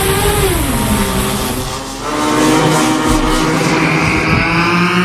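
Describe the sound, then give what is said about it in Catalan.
A Gerbera drone, about 2 metres long and 2.5 metres wide and weighing about 18 kg, flies with a loud, steady, buzzing engine whine; its pitch dips briefly around the middle, then rises again and holds. No voices are heard. “Esto que escuchas es el sonido de un dron Gerbera.”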